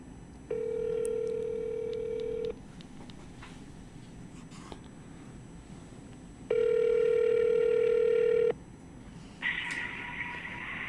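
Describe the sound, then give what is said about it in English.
A phone call placed on speakerphone ringing out: two long steady ringback tones separated by a pause, then a brighter higher tone as the call connects, with no talking over it. “I'm gonna call him. I'm gonna put him on the speaker.”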